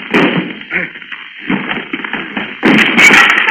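Heavy thuds and bangs against a door as someone crashes it down, followed by a louder, sustained crash as it gives way, forceful.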